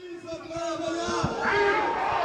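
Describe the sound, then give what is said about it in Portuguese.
A crowd of protesters against a change to the labor law shouting and chanting together as the Prime Minister arrives, a dense, sustained wall of raised voices that swells louder toward the end, with some sharper individual shouts poking through. “Ainda assim, ouviu, até mesmo à chegada, vários protestos contra a mudança na lei laboral.”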